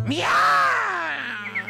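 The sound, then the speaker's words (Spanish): A person imitates a cat's horrible, harsh yowl: one drawn-out, strained vocal wail that rises in pitch, holds, then sinks and trails off, loud and rough throughout, lasting under two seconds. “Un gato tiene más dientes de los que puedo contar. Y hace ese horrible sonido como...”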